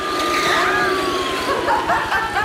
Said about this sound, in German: viele, viele, viele Auto